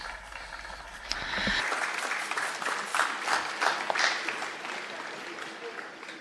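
An audience bursts into steady applause to greet a priest, many hands clapping in a dense, even patter that swells after the first second and holds at a moderate level to the end.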